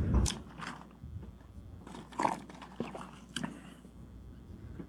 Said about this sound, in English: when he was getting asked the question, he took a sip of water, which gave him extra chance to think before he wanted to answer the question.